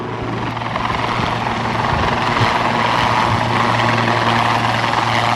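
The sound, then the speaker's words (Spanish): A helicopter hovers in front of onlookers at a military base, its rotor and turbine roar loud and steady throughout, with a low droning hum underneath and a faint pulsing as it holds position and turns on the vertical. “se posicionará enfrente de nosotros para que realice algún giro y puedan ver pues las performances, ¿no?, que tiene un helicóptero”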